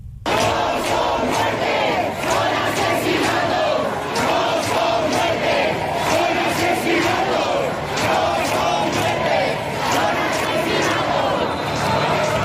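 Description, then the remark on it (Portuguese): A large crowd of protesters at night by the doors of the Congress in Madrid shouts chants together, voices loud and dense, with a steady pulsing rhythm of repeated phrases over continuous crowd roar. “Assim gritam os manifestantes esta noite, horas depois de saber da morte de Mari Carmen Abascal.”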